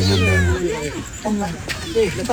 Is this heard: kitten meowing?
yes